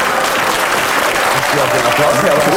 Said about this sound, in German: Das ist ja ganz furchtbar. So viel sinnlosen Applaus.